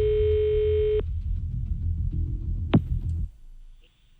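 A phone ringing tone sounds as a single steady burst of about a second over a low background hum, then stops; a short sharp click follows before things go quiet.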